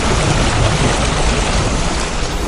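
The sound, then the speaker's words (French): Water gently lapping in a steady, continuous wash, fairly full, with no distinct splashes standing out and no voices. “Trouve-nous plutôt un doux clapotis des flots.”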